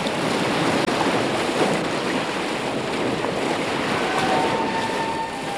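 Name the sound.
ocean waves and wind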